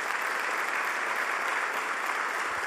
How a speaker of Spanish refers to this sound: Una nueva ronda de aplausos, por favor, para el comité.